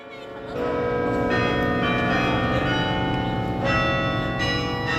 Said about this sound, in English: At Yale's campus in New Haven, Connecticut, the bells rang every lunchtime.